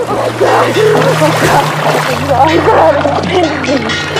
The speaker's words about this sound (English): thrashing froths the water, and she grabs onto a buoy.